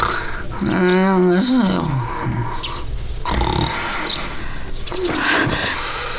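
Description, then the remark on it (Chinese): Loud, rough snoring from a man asleep in bed, with throaty, voiced snorts that rise and fall in pitch, a long drawn-out snore followed by a couple of shorter grunting breaths. “别打呼噜了，我让你别打呼噜了。”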